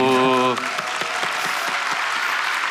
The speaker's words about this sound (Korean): 여기 50여 명의 젊은 청년 단원들, 그리고 젊은 지휘자, 그리고 8명의 젊은 작곡가들 해서 연주와 창작을 같이 이렇게 보여주는 아주 멋있는 박수.